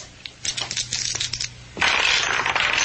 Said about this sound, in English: Perhaps you will be fortunate, Chen, and one of the dice turns up a 6 while the other still spins.